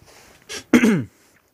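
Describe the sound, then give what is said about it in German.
A man clears his throat: a short rasping burst followed by a longer, rougher, gravelly one, then silence. No speech. “Er räusperte sich und machte eine lange Pause.”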